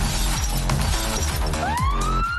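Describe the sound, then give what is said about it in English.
A loud, dense crash of glass shattering at a beach, with a siren beginning to wail and rise in pitch near the end. No one speaks. “Shattered glass, trash the beach, rev our loud and unset engines.”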